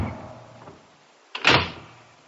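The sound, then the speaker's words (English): A heavy oak door swings with a low rumbling creak, then slams shut in one loud, sharp bang that rings out and fades slowly. No voices. “But for some inextricable reason, perhaps by a spring or a weight, the ponderous mass of oak whipped itself out of my fingers and clanked to with a formidable rumble and a noise like the falling of an automatic bar.”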